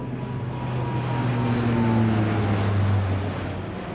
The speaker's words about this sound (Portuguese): Sim, é isso. É um avião a passar.